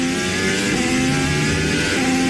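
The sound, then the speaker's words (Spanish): A Formula 1 single-seater racing car engine, from a car that can reach 378 km/h, screams loudly and steadily throughout, a sustained high-pitched whine with a dense roar beneath it and no voices. “¿Escuchan eso? Es el sonido de un motor de un coche de Fórmula 1, un monoplaza que puede llegar a alcanzar los 378 kilómetros por hora.”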